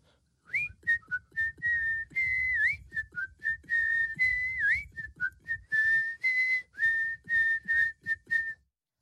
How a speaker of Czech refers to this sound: Kluk se z toho náramně radoval a z té radosti si dal ruce do kapes a začal pískat písničku